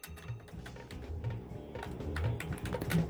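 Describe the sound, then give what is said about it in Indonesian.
Rapid, irregular clicking of keys on a computer keyboard, typed steadily for a few seconds, with no voices over it, as a radio host types in a listener's requested song. “Lagi ngetik lagunya ….”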